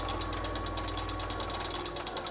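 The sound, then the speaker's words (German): A hand-cranked mechanical calculating machine runs as its crank is turned, four internal parts moving back and forth to transmit energy for calculating; its gears give off a rapid, steady train of ratcheting clicks and clatter with no voices. “Außer der Drehbewegung der Kurbel gibt es in der Inneren nur die vier Takte, die hin und her gehen und die dann hier in die Maschine die Energie zum Rechnen übertragen.”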